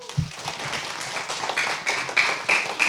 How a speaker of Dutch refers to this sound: Applaus